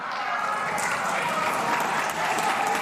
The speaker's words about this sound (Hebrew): חברים, חברים, חברים, לא, אין צורך במחיאות, אין מחיאות כפיים והחוק יתקבל, הכל בסדר. לא סתם עברו, לא סתם היו מחיאות כפיים, נכון